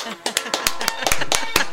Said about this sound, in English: Wait. Let me try this again. Maybe if I do a slow clap. Oh, wait. We're really loud?